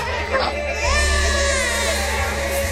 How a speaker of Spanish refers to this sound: Se podía sentir en los rostros sombríos de los guerreros, en el silencio incómodo de las madres y en el llanto de los recién nacidos.